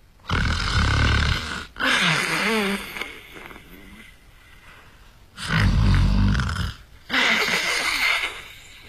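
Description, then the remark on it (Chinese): A man's voice imitates the thunderous snoring of the character Lu Zhishen in a storytelling performance: two loud, rumbling, roaring inhales, each followed by a raspy, wheezing exhale, with brief quiet gaps between. “这呼噜稀如撼天雷，呼如涨潮水。”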